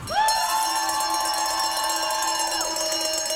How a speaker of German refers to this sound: Kurz danach betritt ein Schweizer Turner die Fläche. Kuhglocken untermalen das Jubeln, bevor er anfängt.